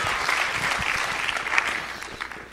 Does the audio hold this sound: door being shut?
no